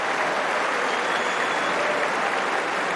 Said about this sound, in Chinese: 按照温网的传统呢，也是失败的一方啊，在观众的掌声当中离场，确实是表现非常的出色。